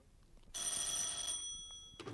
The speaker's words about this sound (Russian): А начались эти события с телефонного звонка, который разбудил Вольта Брагина.